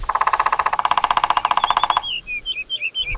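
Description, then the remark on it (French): A woodpecker with green feathers, a red head and a long beak drums its beak on a tree trunk in a fast, steady burst of sharp taps for about two seconds, then high, thin bird chirps and whistles follow. “Le pivert tape avec son bec sur le tronc de l'arbre pour parler avec les autres oiseaux.”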